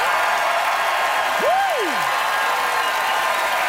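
An audience votes by applause, clapping in a steady, dense wash for nearly four seconds, with a single rising-then-falling whoop cutting through early on.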